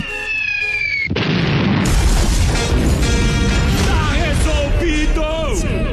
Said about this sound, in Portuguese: Vamos lá, mas rapidinho. De efeito moral, só. Só a bombinha lá.